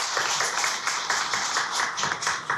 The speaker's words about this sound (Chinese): 现在呢，让我们用最热烈的掌声有请这株从空谷中走来的幽兰